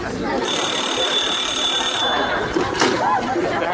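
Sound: telephone ringing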